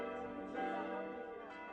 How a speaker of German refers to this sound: Nach erfolgtem Umbau am Kirchturm sind die neuen Glocken am 24. September 2006 zum ersten Mal über dem Ort am Spiegelwald zu hören.